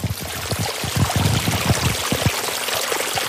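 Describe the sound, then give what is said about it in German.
Pumped water pours steadily into a stream, the Nebelbach, to keep it wet, a continuous splashing rush with irregular gurgling surges, fairly loud, with no voices. “Derzeit klingt das Befeuchten aber meist so.”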